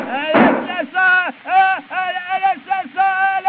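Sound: revolver gunshot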